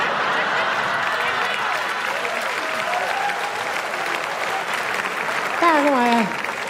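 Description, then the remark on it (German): Steady, dense audience applause fills the whole stretch at a fairly loud, even level, with a few voices calling out and one rising briefly above the clapping near the end. “Aber das sind die ehrlichen Kerle, ne, die dann sagen, und da klatsch ich nicht.”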